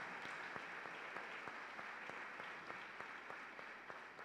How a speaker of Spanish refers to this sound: Asimismo, recibimos con mucho amor a los hermanos de la Resurrección Gaviotas Norte. Un fuerte aplauso, que vienen acompañados de su párroco.